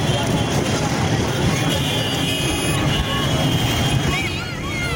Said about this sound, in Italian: È il 10 settembre 2025, un ordinario pomeriggio che prelude al fine settimana nella capitale del nord dello Yemen, Sana'a. Le scuole sono state appena chiuse, c'è traffico per le strade.